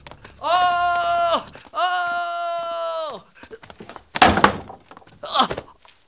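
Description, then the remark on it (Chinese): Two long, drawn-out shouted calls to open the door are followed by two loud, heavy bangs on a door, spaced about a second apart. “大汗，开门！ 大汗， 大汗，开门啊！”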